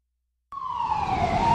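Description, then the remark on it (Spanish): After a moment of silence, a river ambulance siren suddenly starts up loud, a steady wailing tone holding and drifting slightly over a low rumbling background. “Contamos con una ambulancia fluvial disponible las 24 horas, los 365 días del año, para brindar atención médica gratuita ante emergencias”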